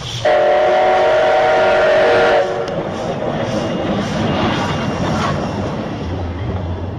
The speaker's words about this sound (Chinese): 这是蒸汽火车汽笛和轨道的行进声音。这样的声音曾经被日本人票选为20世纪难忘的世纪之音。